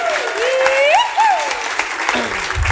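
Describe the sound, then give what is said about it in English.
An audience at a Radio Bristol live show claps steadily and loudly throughout for a staff member's birthday, a dense patter of many hands, with a whistle or whooping cheer sliding up and down over the applause. “So give him another big round of applause.”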